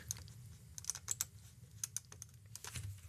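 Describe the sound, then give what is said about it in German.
A quick run of keyboard keystrokes and mouse clicks, fairly quiet, tapping in irregular bursts over a low background hum with no voices, while clicking through to the next news item. “Und wir klicken uns in die nächste Meldung rein.”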